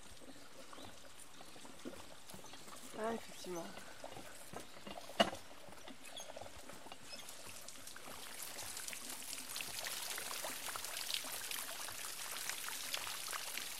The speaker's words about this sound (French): Donc la pompe est là-haut, elle prend l'eau dans la rivière et la renvoie dans la rivière ensuite grâce à ce tuyau. On appelle ça le rideau de pluie. Donc le temps que l'eau descende.